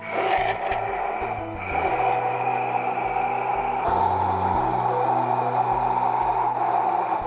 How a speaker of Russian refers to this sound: Дальше мы берем блендер и начинаем туда потихоньку вводить растительное масло тонкой струйкой. Вот так вот.